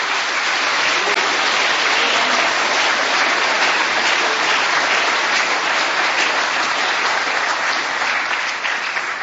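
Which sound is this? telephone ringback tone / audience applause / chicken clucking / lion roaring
audience applause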